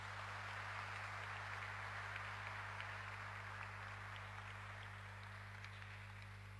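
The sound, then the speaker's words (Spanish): An audience claps steadily, a dense, even wash of many hands that holds at a constant level for about seven seconds, with a low electrical hum underneath; it is a loud, warm round of applause for the groups present at the gathering. “Un fuerte y caluroso aplauso, mis queridos hermanos.”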